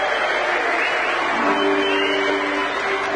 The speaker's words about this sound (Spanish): Agradecemos y despedimos con este aplauso al señor Presidente de la Nación, doctor Javier Milei.